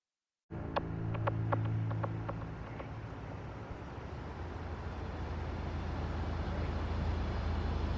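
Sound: car engine running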